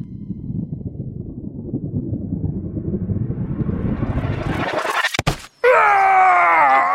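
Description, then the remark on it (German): An arrow shot from a bow makes a whooshing rush that climbs steadily in pitch for about five seconds, ends in a sharp impact as it hits someone, and a loud, wavering pained groan follows. “Oh nein, ein Pfeil hat dich getroffen.”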